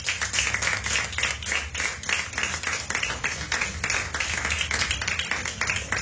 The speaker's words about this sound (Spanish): Cristo vive, ¿cuántos dicen amén? Amén. En una ofrenda de palmas al Señor.